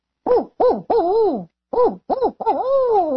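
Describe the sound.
A person imitates a barred owl, hooting in two phrases of rhythmic, wavering hoots with the last note drawn out and sliding, loud, with no other voices.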